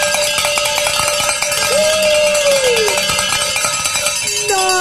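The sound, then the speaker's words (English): A hand bell rings loudly and continuously for about five seconds to celebrate a pledge during the 89.7 KJMA Share-a-thon, a rapid, bright metallic clanging with shimmering high overtones and no talking over it. “Let's say the Share-a-thon bell ringing celebration prayer”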